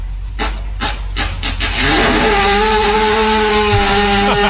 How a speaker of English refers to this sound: That was a fart? Yeah, the horse is laying on the ground